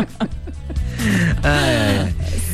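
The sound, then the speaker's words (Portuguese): A man in Rio de Janeiro yawns aloud, one of repeated yawns, a long voiced yawn that rises and falls, preceded by a few short breathy vocal sounds, with no words spoken. “tá dando um bocejo atrás do outro agora, então.”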